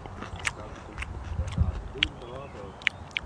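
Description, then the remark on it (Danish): Someone chews small purple edible chive blossoms: a string of soft, moist crunches and sharp mouth clicks at an uneven pace, with a faint voiced murmur partway through. “Nå, jeg smager lige smager på dem.”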